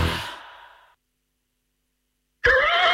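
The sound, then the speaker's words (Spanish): A horse neighs: a breathy, fading call trails off into about a second and a half of silence, then a loud, wavering whinny bursts in and carries to the end. “Los mejores jinetes y caballos del mundo se dan cita en el Real Club de Campo Villa de Madrid del 15 al 17 de mayo para participar en la 115 edición del concurso de saltos internacional de Madrid.”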